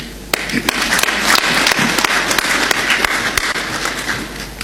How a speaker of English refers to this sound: Let us applaud ourselves for a job well done.